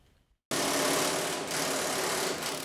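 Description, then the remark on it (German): A power drill suddenly starts up after a brief silence and runs steadily, a loud, continuous whirring grind with slight dips in pitch, and no voices, during construction work renewing the Ruhrbahn light rail lines U11, U17 and U18 in Essen and Mülheim. “Es wird geschraubt, gebohrt, gegossen und gestemmt.”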